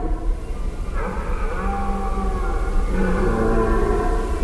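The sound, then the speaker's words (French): A tawny owl gives its territorial call, two drawn-out, steady hooting notes, the second starting about two seconds after the first, over a constant low rumble of background noise. “Ils me disent que la chouette que j'ai entendue est la chouette hulotte qui pousse son cri territorial pendant un mois”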